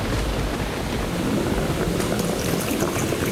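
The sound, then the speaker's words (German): A dense, rushing churn of the swirling water of a whirlpool swirls continuously and loudly, a steady turbulent roar with bubbling, splashing texture and no pauses, filling the whole moment with no voices. “Der Strudel wird dich verschlucken, dich und dein Geld.”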